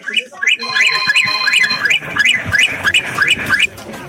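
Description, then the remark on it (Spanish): A rapid series of short, high, chirpy car horn honks, asked for as 17 short honks as a congratulation, repeating at an even pace, about ten in a row, with voices talking underneath. “Va, carnal, ocupo, por favor, que me des 17 bocinazos cortititos.”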